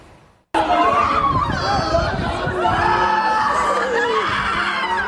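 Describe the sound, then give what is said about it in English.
A loud, chaotic crowd of people in despair erupts suddenly after a brief quiet moment, with overlapping shrieks, wails and distressed cries continuing without pause, as a father cradles his bloodied seven-month-old baby. “Amid shrieks and cries, a portrait of despair.”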